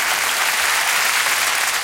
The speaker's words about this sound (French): Mesdames et messieurs, improvisation avec Muriel Robin, première. On l'applaudit pour l'encourager.